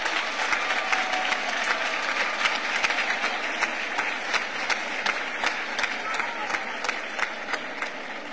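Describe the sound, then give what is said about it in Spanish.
A crowd applauds loudly and steadily for the Moroccan people, a dense wash of many hands clapping with occasional sharper individual claps standing out throughout. “Para todas las marruecas y los marruecos os pido un fuerte aplauso.”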